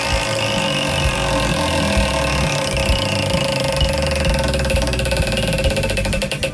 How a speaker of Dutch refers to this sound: De scooter. Ja, zeker. De scooter maakt heel veel geluid.